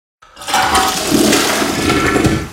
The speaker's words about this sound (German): die Toiletten läuft nicht ab. Komm mal schnell.